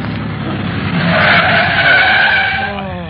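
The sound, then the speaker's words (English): A speeding taxi's tires squeal in a long, loud skid that rises and then fades as the vehicle screeches to a halt on arriving at 167 Lausanne, with engine rumble underneath. “My name may be Speed, but I don't like it this fast. Oh, driver, slow down.”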